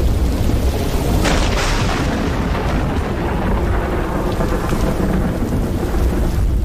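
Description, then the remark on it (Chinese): Heavy rain pours steadily while deep thunder rumbles throughout, with a sharper, brighter crack about a second and a half in. The roar stays loud and dense the whole time, with no voices. “空中电闪雷鸣，一场大雨即”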